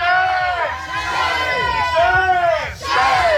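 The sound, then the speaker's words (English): A protest crowd at Rocket Lab in New Zealand shouts together in loud, overlapping voices, with rising and falling cries rippling through a dense wall of noise that stays strong and steady throughout. “It's the same protest group that gathered here a year ago, resulting in more than 20 arrests.”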